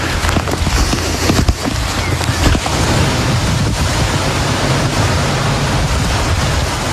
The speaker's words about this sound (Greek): Στην ευρύτερη περιοχή της Λάρισας, η χαλαζόπτωση σε συνδυασμό με την ισχυρή βροχόπτωση φέρνουν απόγνωση.